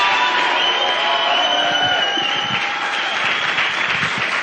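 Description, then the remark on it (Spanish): Steady, loud applause from the studio audience at Radio UNAM fills the whole stretch, dense clapping with a few whistles and scattered cheers riding on top, holding an even level throughout. “Un aplauso, por favor.”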